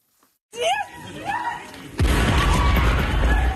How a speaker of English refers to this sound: Passengers run away from an explosion that destroyed a train in the far west of Ukraine.